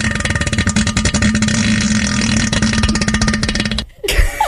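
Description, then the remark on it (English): A loud, bassy, rasping fart in a bathroom toilet bowl drones steadily for almost four seconds with a resonant, buzzy tone, then cuts off abruptly before a brief scuffling noise. “Well, I had one of them really loud farts, and we know what toilet bowls do. It was bassy.”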